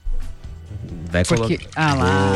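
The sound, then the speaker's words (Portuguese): Tonic water pours from a can with a soft, fizzy splash, moderately loud, while a person talks over it for most of the moment. “Hoje é sexta-feira, latinha de água tônica para todo mundo.”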